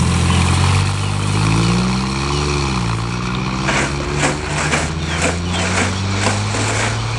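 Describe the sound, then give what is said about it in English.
A car engine revs loudly, its pitch climbing and shifting as the car drives off again, with a steady motor rumble and a few sharp rattling clicks. “Was that his car you came in? Yes. And he's gone off again?”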